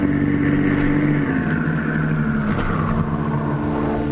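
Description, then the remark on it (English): A car engine rumbles loudly, its pitch dropping as the vehicle slows to pull up in the early morning in front of a little house on a quiet street in the Southwest District, then settles into a steady idle. No voices are heard. “Early next morning, they pull up in front of a little house on a quiet street in the Southwest District.”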